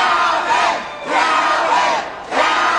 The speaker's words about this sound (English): On November 15, 2025, election night, an exuberant crowd gathered to celebrate Calvin Duncan, Orleans Parish's newly elected clerk.